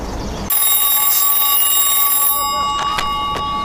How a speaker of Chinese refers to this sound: 稍等一下啊，接个电话。